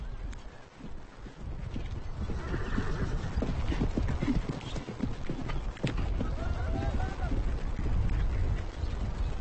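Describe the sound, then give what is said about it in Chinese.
Heavy hooves thud and clop in a busy, uneven rhythm while nomads and helpers tame a horse, fitting a bit in its mouth; the horse lets out a rising whinny partway through, with people's voices calling over the steady commotion. “驯马是一项高难度的工作，一个人根本无法完成，所以游牧民通常会找几个帮手。”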